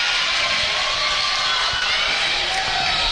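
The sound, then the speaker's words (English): A large crowd in a high school gym roars and cheers steadily at a Red River versus Central game, a dense wash of voices with scattered shouts and a chant from the Central crowd rising within the din, loud and continuous throughout. “And you can hear the chant below us.”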